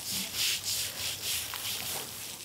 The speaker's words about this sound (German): natürlich die Algen auch deutlich besser drauf als auf der glatten Fläche, sodass sie da richtig schrubben muss. Und hin und wieder muss dann eben der Hochdruckreiniger ran, weil man das dann per Hand und mit Schrubber nicht mehr sauber kriegt.